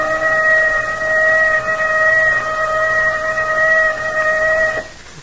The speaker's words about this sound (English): There's that whistle. Something's happened to it.